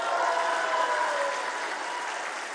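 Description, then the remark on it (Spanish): Steady crowd applause for Governor Margarita González Saravia, a dense wash of many hands clapping at once, fairly loud and even throughout with no voices over it, tapering only slightly toward the end. “Un fuerte aplauso a la gobernadora.”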